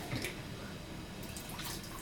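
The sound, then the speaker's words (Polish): Water pours from a bottle while making soup broth, only part of the bottle being added, in a steady, soft splashing stream, fairly quiet, with a few brighter gurgles toward the end and no one talking. “Nie wlewamy oczywiście całej butelki wody, bo później w garnku wywar byłby za nadto rozcieńczony.”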